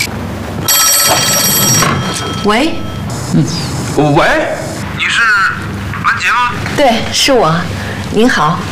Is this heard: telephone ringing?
yes